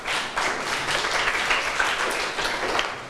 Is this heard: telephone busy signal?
no